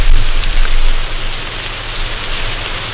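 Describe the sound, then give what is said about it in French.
Steady rain pours down, a dense, even hiss of drops with a low rumbling undertone, fairly loud and continuous throughout with no voices. “Bon, la pluie, là, ça rafraîchit un petit peu. Je vous le mets pendant 5 secondes pour que ça rafraîchisse l'atmosphère.”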